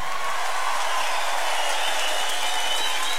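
An audience applauds a poet steadily, a dense wash of many hands clapping at an even, moderate level throughout, with no voices standing out.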